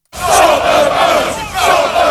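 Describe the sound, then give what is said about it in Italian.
A hooded, black-clad anti-immigrant protest crowd, organized by a far-right group linked to the English Defence League, chants the slogan "stop the boats" in unison at the port of Dover, England. Many voices are loud and continuous, rising in two rhythmic phrases with a brief dip between them. “Incappucciati, vestiti di nero e al grido di stop the boats, fermate le barche.”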